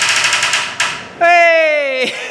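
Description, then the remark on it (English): A quick run of small metallic clinks rattles for about a second, then gives way to a loud, sustained ringing tone that slowly sinks in pitch before cutting off. “Listeners out there in Wonderland, can you hear the clink? You can actually really hear it.”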